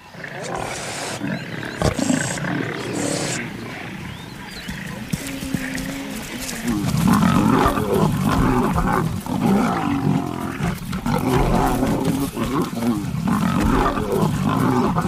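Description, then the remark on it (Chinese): Two lionesses of the same pride growl low and rumbling at a lioness from another pride, with harsh hissing bursts breaking through. The snarls grow louder and more continuous in the second half. “同一狮群的两只母狮对另一只母狮充满敌意，发出低吼和嘶嘶声。”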